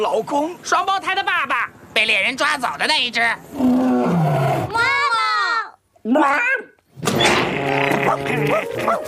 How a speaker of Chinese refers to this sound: 哦，看呐，哇，这么大的！加菲猫那头狮子，罗牙国王。什么？ 那是罗牙国王谭亚皇后的老公， 双胞胎的爸爸，被猎人抓走的那一只。